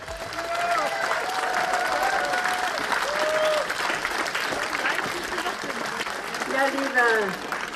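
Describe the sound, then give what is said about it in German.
Sustained applause from over 400 spectators filling the Fischmarkt in Halberstadt at a BSW state election rally under large BSW flags, as Sahra Wagenknecht takes the stage. A dense, steady wash of clapping holds at a fairly loud level throughout, with scattered voices and occasional whistles or shouts rising above it. “Unter großen BSW-Flaggen und Applaus betrat Sarah Wagenknecht die Bühne und richtete ihre Ziele für die Landtagswahl an die Halberstädter.”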